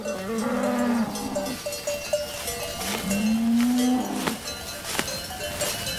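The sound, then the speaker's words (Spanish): Two long, low cow moos sound one after another over a steady outdoor background, with faint clanking cowbells ringing intermittently, as cattle graze in high mountain pastures cleared from forest in warm weather; no one speaks. “Solo ahora hace suficiente calor para que las vacas suban a estos altos pastos.”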